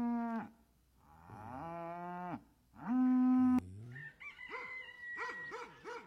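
A cow moos loudly, three long drawn-out lows in a row, followed by a rooster crowing briefly at the end. No one speaks.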